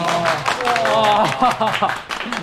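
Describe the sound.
A small group of sales colleagues claps steadily in a brisk, dense patter of applause after the boss announces a colleague's top sales result, with voices cheering and talking over it throughout.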